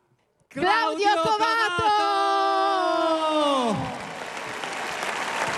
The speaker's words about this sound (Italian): Allora, qualcuno applaude in maniera molto convinta, qualcuno fischia.